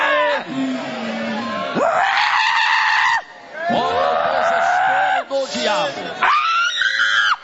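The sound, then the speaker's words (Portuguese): During a religious service casting out demons, a person screams loudly in a series of long, strained bursts, the pitch sliding up and down between cries, with only brief pauses for breath and no clear words. “Olha o desespero, grita para Jesus queimar ele.”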